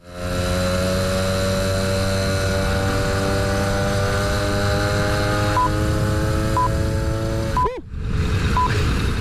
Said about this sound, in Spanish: Y entre los vehículos de dos ruedas hubo uno modesto, pero con muchísimo éxito, y que sonaba así a todo gas.